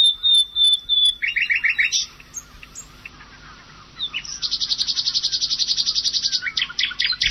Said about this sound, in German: Hier nochmal die Nachtigall im Vergleich.